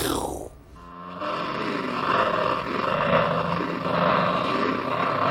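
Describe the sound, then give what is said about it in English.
At the end of a song, a guitarist's panned, distorted electric guitar growls like a panther. After a short sweeping opening, a rough, snarling tone is sustained for several seconds, loud and steady, with no voices. “The sound of a panther at the end of it could mean a lot of things.”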